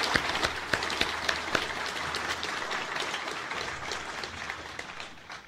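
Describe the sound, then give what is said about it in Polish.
Sustained applause from an audience welcoming guests at an award ceremony, a dense crackle of many hands clapping steadily for several seconds, a few sharper claps standing out, gradually easing toward the end. No voices. “Brawo dla wszystkich.”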